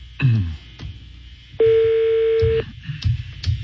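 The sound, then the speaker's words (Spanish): A single loud ringback tone from an outgoing phone call that goes unanswered, one steady electronic burst lasting about a second, heard over a receiver with faint clicks and line noise around it. “Sonando teléfono, ahí está sonando, pero no contesta”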